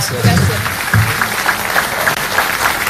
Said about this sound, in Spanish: Y un aplauso para ellos dos.